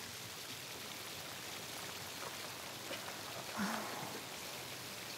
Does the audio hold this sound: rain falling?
yes